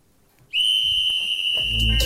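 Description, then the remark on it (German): A single loud, shrill whistle blast signalling the start of a game starts abruptly after a moment of quiet and holds steadily for well over a second, with low rumbling thuds and movement creeping in near the end. “Also, ich schmeiße die beiden Dinger los, wenn der Pfiff kommt.”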